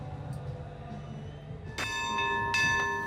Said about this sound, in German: Drei beherzte Glockenschläge und der klassische Wasserschleier des Feuerlöschboots Branddirektor Westphal. So beginnt sie heute um 2:30 die Einlaufparade zum 837. Hafengeburtstag.